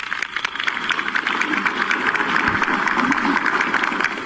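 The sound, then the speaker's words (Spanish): A crowd applauds steadily for about four seconds for a non-commissioned officer honored at a Peruvian government recognition ceremony, a dense, even patter of many hands clapping at once, holding a fairly constant loudness from start to finish with no voices on top. “Un aplauso, por favor, para él.”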